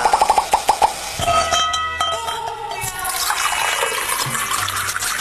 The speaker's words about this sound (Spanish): Destape esa chelita.